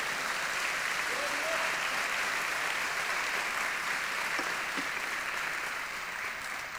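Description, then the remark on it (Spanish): Sustained applause from a large group of people clapping together for the Lord during a sermon, a dense, steady wash of claps for several seconds with faint voices underneath. “Vamos, dele palmas al Señor por eso.”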